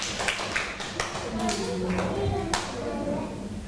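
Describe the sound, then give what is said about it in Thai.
A group applauds the representative of group 2 with steady, dense clapping that holds at an even level for a few seconds, sharper individual claps poking out, with murmuring voices mixed underneath. “ต่อไปค่ะขอเป็นตัวแทนกลุ่มที่2ค่ะขอเสียงปรบมือให้ตัวแทนกลุ่มที่2ด้วยค่ะ”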